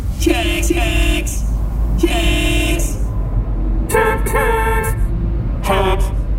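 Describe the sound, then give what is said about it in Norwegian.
Several car horns honk in overlapping bursts over a steady low rumble of idling traffic in a complete traffic jam, with long and short blasts at different pitches sounding again and again. “Oi, her var det jo fullstendig kork.”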